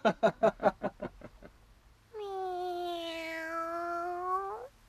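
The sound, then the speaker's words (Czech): A quick run of pulsing, fading bursts gives way to a long, drawn-out cat meow, held steady and fairly loud before cutting off, with no talking. “Ale dej si pozor. Černé kočky nosívají smůlu.”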